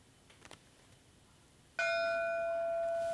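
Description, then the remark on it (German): A single loud memorial bell strike, one for each of the 21 victims remembered at a memorial event in Duisburg, rings out after a quiet, faintly noisy stretch, its clear harmonic tone sustaining and slowly fading as it hangs in the air, with no voices present. “Ein Glockenschlag für jedes Todesopfer.”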